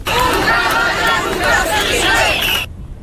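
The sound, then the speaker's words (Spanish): A large protest crowd shouts chants in unison while marching through the streets of central Ceuta, at a demonstration called by the fire brigade and joined by hundreds of residents; a dense, loud wall of raised voices that swells in waves for over two seconds and then cuts off abruptly. “Con estos gritos han recorrido las calles del centro de Ceuta, pues bajo ese lema, hasta que han llegado a la Plaza de los Reyes”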